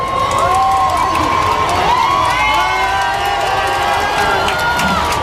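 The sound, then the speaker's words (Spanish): A large crowd screams and cheers continuously on Calle Goya as the white Popemobile carrying the Pope arrives, a dense wall of high-pitched shouts and whoops filling the street without letting up. “hasta que finalmente en el fondo de la calle Goya aparecía ese papamóvil blanco con el papa a bordo y toda la calle Goya ha saltado en un grito de explosión.”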